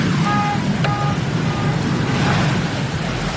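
A car with its engine still running and one window broken is carried through a sudden flood. The engine rumbles steadily beneath a loud, continuous rush of churning water, with a few faint electronic beeps early on.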